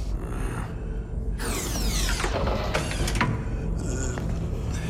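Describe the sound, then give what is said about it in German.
A heavy door mechanism aboard a ship clanks and ratchets as it unlocks, followed by a grinding, creaking sweep as the door swings open, loud over a low rumbling background. “Es ist jemand an der Tür.”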